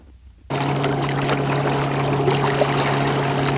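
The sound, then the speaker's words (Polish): A ship churns through water, a steady low engine drone under a constant rushing wash that starts abruptly after a brief quiet moment and stays loud to the end. “No, taki trochę większy obiekt pływający. Statek, tak.”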